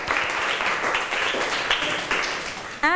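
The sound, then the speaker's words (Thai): A class of students claps together for two classmates in a steady burst of applause lasting a few seconds, dense and even, ending as a voice begins speaking. “เพื่อนๆคะปรบมือให้เพื่อนทั้งสองหน่อยค่ะ”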